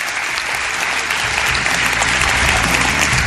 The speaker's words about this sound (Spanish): De nuevo un saludo a toda la gente que estáis aquí en el Teatro Ramos Carrión y que se sienta de nuevo ese aplauso para saber que estamos ahí vivos, con ganas en este mundo todavía.